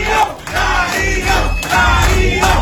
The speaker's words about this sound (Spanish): Entre aplausos, gritos de apoyo y la energía del grupo de danza perlaurense, los moradores del barrio 8 de noviembre recibieron al alcalde de Machala, Darío Macas Salvatierra, durante la firma del contrato para la construcción del nuevo parque